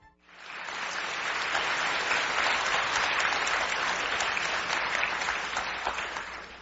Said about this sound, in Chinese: 通过您的掌声跟笑声啊 啊， 听得出来， 听出什么呢？ 台北的观众啊，对相声特别的喜爱， 多热情啊！